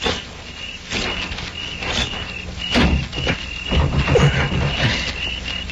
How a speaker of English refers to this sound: It shut all right. I'm going to try the door. If it opens, flip a couple of shots in.